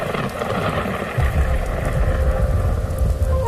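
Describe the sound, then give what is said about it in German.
Steady heavy rain pours outdoors without a break, a dense hiss across the whole range, while a deep rumbling swell of thunder or storm wind rolls in after about a second and keeps churning underneath. “Was tut eine hübsche junge Frau wie du bei diesem Hundewetter hier draußen?”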